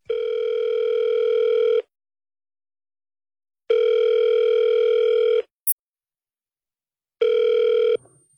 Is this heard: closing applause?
no